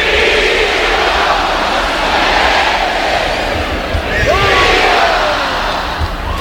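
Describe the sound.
A large bullfight crowd in Aguascalientes roars in a loud, sustained shout after a chest pass with the muleta, a dense wall of cheering voices that swells and holds steady for several seconds, with a few higher whistles or cries rising out of it.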